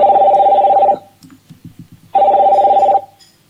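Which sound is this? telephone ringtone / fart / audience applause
telephone ringtone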